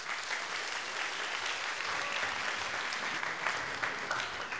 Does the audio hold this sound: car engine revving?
no